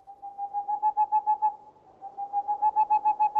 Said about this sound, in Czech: Tiše odhoukávalo v sových hodinách. Ještě pár houků a bude houkat celá.